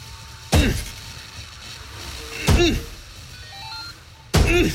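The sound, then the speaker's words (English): A stuck car door being forced after the car went off the road and was buried in snow and ice, with three heavy, jarring thunks spaced about two seconds apart as someone shoves and bangs against it, each impact loud with a brief rattle afterward. “Door stuck.”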